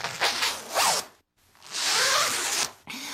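A zipper on a jacket is pulled in two long strokes, a rasping, buzzy zip with a short gap between, followed by a brief third pull. No voices accompany it.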